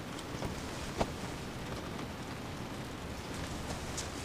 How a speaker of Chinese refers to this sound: 下雨了，进来吧。